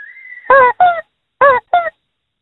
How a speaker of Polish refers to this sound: A co to było? Nie wiecie co to jest? Trąbka od roweru? Kurczak. A kurczak. Ja tak coś czułem, że to może być coś gumowego.